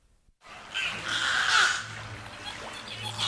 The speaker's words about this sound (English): Chirps, whistles, and clicks fill the beluga habitat at SeaWorld San Antonio, where two rescued whales are settling into their new home.